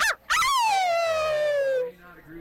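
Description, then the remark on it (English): A dog gives a quick bark and then a long, loud howl that slides downward in pitch before fading out, alone with a faint background afterward. “Don't let the dogs out.”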